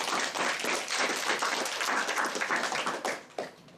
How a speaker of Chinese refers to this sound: 那么接下来我们就有请香港文化推荐官上台推荐。好，大家掌声欢迎。